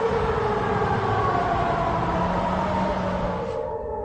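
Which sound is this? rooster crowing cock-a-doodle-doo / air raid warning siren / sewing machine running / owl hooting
air raid warning siren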